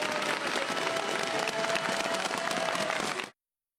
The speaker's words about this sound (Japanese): 地元の奈良県で行われたパブリックビューイングの会場では大きな拍手と歓声が沸き起こりました。